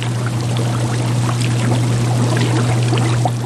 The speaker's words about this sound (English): In their seaside lab, scientists at the University of Alaska Fairbanks dote on bubbling tanks of kelp, oysters, and baby abalone. It's a very relaxing noise. It really is.